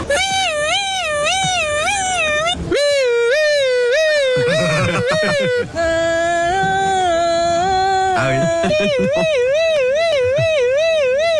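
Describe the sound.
Several voices take turns imitating a police siren when asked what sound it makes, producing loud, wavering high-pitched wails and steady two-tone whoops, some rising and falling rapidly, one after another with short gaps between.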